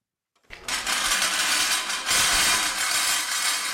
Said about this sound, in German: Mit lautem Scheppern setzt sich das Kunstwerk in Bewegung. Für seine Schrottplastik Hong Kong aus dem Jahr 1963 hat der Schweizer Künstler Jean Tinguely Autoräder, eine Pfanne und eine Bohrspitze mit Keilriemen verbunden